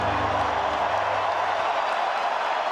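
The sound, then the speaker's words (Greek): A large stadium crowd in Los Angeles roars steadily in a broad, dense wash of warm applause and cheering as the Iranian national anthem nears its end, loud and continuous for the whole stretch, with a low hum fading partway through. “Από τις εξέδρες ακούστηκαν αρχικά έντονες αποδοκιμασίες από μερίδα δυσαρεστημένων φιλάθλων, ωστόσο όσο πλησίαζε στο τέλος του, το κλίμα άλλαξε, με το γήπεδο να σπάει από θερμό χειροκρότημα.”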